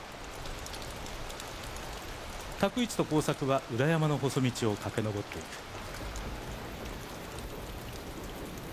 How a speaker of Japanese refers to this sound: 稲妻状につけられた細道を雨水が走る。しのつく雨が二人の雨がっぱを叩くが、二人はぐんぐん登る。